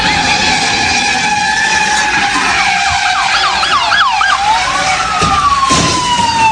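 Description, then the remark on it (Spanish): A police car siren blares during a police chase in North Hollywood, Los Angeles, its pitch sweeping in rapid repeated yelps and longer wails over a steady roar of engine and traffic noise, with no voices. “en North Hollywood se llevó a cabo una persecución policial intensa, ya que un vato se robó un carro de lujo amarrado a su camioneta.”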